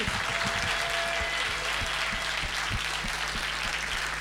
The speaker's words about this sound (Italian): Oh, li abbiamo visti in tanti ultimamente in giro per Genova e quindi facciamo un bel applauso all'Associazione Nazionale Alpini di Protezione Civile.